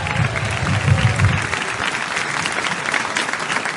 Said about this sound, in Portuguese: Essas palmas aí é para quem, irmãos? É para Jesus? Essas palmas é para Jesus, igreja.